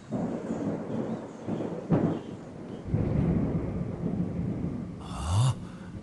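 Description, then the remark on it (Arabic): A thunderstorm coming in from the sea rumbles with deep, rolling thunder that swells and fades over several seconds, a sharp crack near the middle, and a steady wash of rain-like noise underneath. “هناك عاصفة قادمة. أوه، العاصفة قادمة من البحر.”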